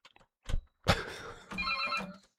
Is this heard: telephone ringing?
yes